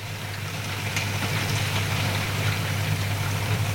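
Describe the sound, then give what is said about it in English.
Steady, continuous patter of spring rain against the windows of a studio building at Berkeley Square, with occasional sharper drops standing out, all over a low constant hum in the background. No one speaks. “And I must say, I love hearing the sound of the rain drops hitting the windows outside here.”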